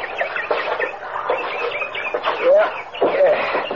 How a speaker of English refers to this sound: Hey, listen to that bird. Sounds like San Diego on a bright June night.